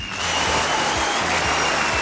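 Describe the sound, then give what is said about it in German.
Steady applause from a crowd, dense clapping filling the whole stretch at a fairly loud, even level with no voices. “Da hörst du auch schon einen Applaus”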